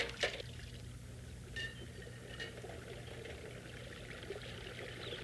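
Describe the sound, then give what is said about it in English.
Steady rushing of river water runs throughout, a continuous soft wash with a few brief splashy bursts near the start. No one speaks. “Good thing I could come to the river and get away from her.”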